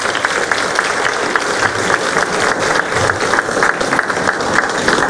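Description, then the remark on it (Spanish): Steady, dense applause from a crowd in San Andrés welcoming a doctor from Veracruz, many hands clapping together in a continuous wash of sound that holds at an even, fairly loud level throughout. “Y es orgullosamente veracruzana, un aplauso.”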